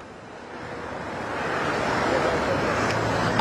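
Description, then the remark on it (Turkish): A steady, dense roar of road traffic flows past about 100 metres from the Çamlıca toll booths in Istanbul as traffic density rises, swelling gradually louder over a few seconds, with a brief higher whine near the end and no voices. “Çamlıca gişelere çok yakın bir noktadayız.”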